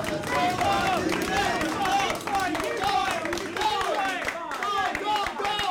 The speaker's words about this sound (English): Now, I should say I'm surrounded here by about 10 research assistants, people who work at the lab. They're cheering me on while I'm just like killing myself on the treadmill.